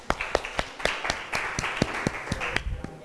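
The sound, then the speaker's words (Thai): A class of students clap together to encourage a classmate about to present for group 4, a steady patter of many overlapping hand claps lasting a few seconds at moderate volume, with no one speaking. “กลุ่มที่4นะคะเดี๋ยวเรามาฟังตัวแทนจากกลุ่มที่4กันค่ะขอเสียงปรบมือดังๆเป็นกำลังใจให้เพื่อนของเราหน่อยค่ะ”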